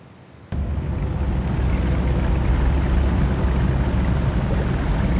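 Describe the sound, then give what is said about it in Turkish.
A boat moving across open water, with a steady low engine rumble and broad wash of water and wind noise that kicks in abruptly and holds loud and constant. “Ahoy! Güzel tekne.”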